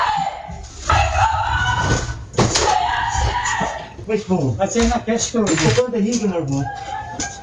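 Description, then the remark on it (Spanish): A woman screams in loud, strained bursts, shrill cries broken by frantic shouting, recorded by home security cameras as she realizes there are burglars in her house, with a slightly harsh, distorted quality. “Así lo ha contado en sus redes sociales, donde ha compartido también la imagen de las cámaras de seguridad que recogen sus gritos al darse cuenta de que había ladrones en su casa.”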